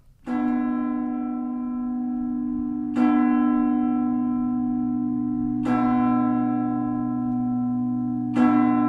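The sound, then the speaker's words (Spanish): Church bells ring slowly and steadily, a fresh stroke roughly every three seconds, each rich peal sustaining and overlapping the last in a continuous resonant drone, loud with no voices. “Y este toque de campanas indica que ha llegado el momento en América Mágica de Radio Clásica de adentrarnos en el tesoro de la música colonial que se custodia en las catedrales, iglesias y archivos de Iberoamérica.”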